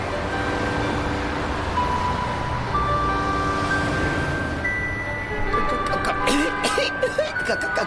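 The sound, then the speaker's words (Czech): Busy street traffic roars steadily and loudly, cars rushing past in a dense continuous wash of engine noise, with occasional tonal honks rising over it toward the end. “Vyběhli na chodník, rovnou do chuchvalců kouře z výfuku aut, která se po ulici nepřetržitě hnala jako divá.”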